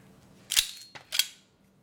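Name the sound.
revolver gunshot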